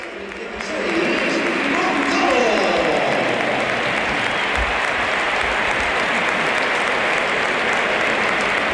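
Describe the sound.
A large stadium crowd at a Real Madrid match breaks into sustained applause for academy player Gonzalo, scorer of Real Madrid's only goal, as he is substituted off. The applause rises quickly after a quiet first second and holds steady as a broad, dense roar of clapping with faint voices mixed in.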